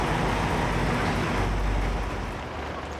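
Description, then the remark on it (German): A heavy truck rolls by over a freshly sealed road in sunshine, its tires picking up parts of the new sealing layer; a loud, steady rumble with broad tire hiss that eases off slightly toward the end, no voices. “Keine Minute später und der nächste LKW beschädigt die neue Bodendichtung.”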